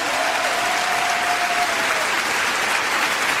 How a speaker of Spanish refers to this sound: Dale un fuerte aplauso, Señor.